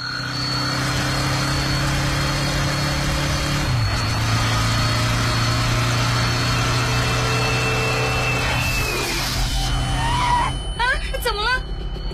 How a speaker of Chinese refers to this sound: 刚经过的车没关远光灯，我的眼睛被晃了一下